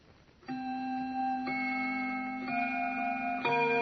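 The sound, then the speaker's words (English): A grandfather clock in a living room chimes at 6:45, striking four resonant bell tones about a second apart, each ringing on and overlapping the next, clear with no one speaking. “That I remember because the grandfather's clock in the living room was just beginning to chime.”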